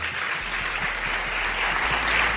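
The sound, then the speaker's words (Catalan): Sustained applause from an audience at Cal Niño in Sant Boi, thanking three guests at the end of a debate: a dense, steady wash of many hands clapping at an even loudness throughout, with no voices rising above it. “Un fort aplaudiment per elles.”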